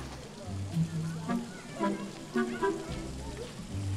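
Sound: rain falling outdoors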